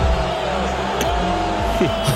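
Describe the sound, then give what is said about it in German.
A large crowd at an NBA Finals basketball game boos Donald Trump in a sustained, loud roar of overlapping voices, a dense low drone with wavering tones that holds steady throughout. “Auch wenn diese Buhrufe hier, die ihr jetzt gerade hört, an Donald Trump ging, der war nämlich auch beim Spiel heute Morgen als erster amtierender US-Präsident übrigens bei einem NBA-Finale.”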